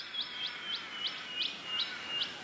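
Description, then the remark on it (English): A welcome swallow, also known as Yurubin, calls in a steady run of about seven short, high twittering chirps, evenly spaced and fairly soft, over a faint hiss of background noise. “by taking away the name of a bird that is interwoven with your family and your life, so that when you think of Yurubin and then hear it called the welcome swallow, it's like repeating the dispossession over and over again.”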